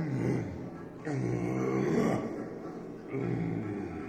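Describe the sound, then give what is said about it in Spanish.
A tiger roars loudly in deep, rumbling bursts, three long growling roars running almost back to back with a raspy, harmonic tone and no talking. “Da oyó los rugidos, tan fuertes eran, y dijo: ¡Qué desgracia te sucede!”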